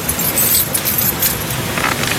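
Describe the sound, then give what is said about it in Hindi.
A bunch of bike keys jingles with light metallic clinks as they're picked up, over a steady low background rumble, no voices. “एक मिनट, पहले मैं मेरी बाइक की चाबी ले लेता हूँ।”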